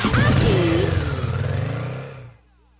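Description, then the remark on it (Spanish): A motorcycle engine revs loudly, its roar rising and wavering for about two seconds before cutting off abruptly into silence. “Compra tu boleto y participa, porque esa moto puede ser tuya.”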